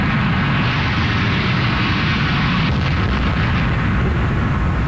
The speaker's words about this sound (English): I saw it hanging there, and I thought 1,000 different things in the second before it hit. And then I realized it was going to hit, and I thought all this, it must have been a nanosecond, and then there was just a huge, huge orange explosion.